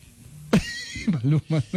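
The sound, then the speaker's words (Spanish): A person mimics a horse's neigh with a sudden, shrill whinny followed by a few choppy, wavering vocal bursts, fairly loud, lasting under two seconds. “En la caballo también suena súper bien.”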